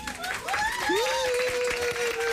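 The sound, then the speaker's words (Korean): Loud, sliding whistles ring out over steady applause and crowd noise, a few rising whistle calls settling into one long held whistle while the clapping continues throughout; audience at a company singing contest after a song ends. “그 아이가 낮고 담담한 목소리로 노래를 부르기 시작하면 사람들은 모두 숨죽여 듣다가 노래가 끝나면 여기저기서 휘파람과 박수가 터져 나왔다.”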